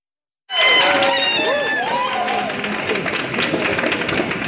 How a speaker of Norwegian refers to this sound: Jubel og sterke følelser i sving da passasjerene ble tatt imot på flyplassen i Israel i kveld.